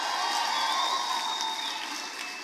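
An audience stands and gives a shout of glory to the King (God), shouting and cheering in a steady, dense roar that holds for the whole moment, with a few thin, sustained high tones threading through the noise.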